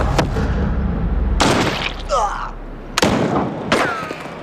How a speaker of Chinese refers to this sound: 你应该听出来，第一声枪响是6式手枪的声音，第二声枪响是狙击步枪的声音，之后的枪声全部是6式手枪的声音。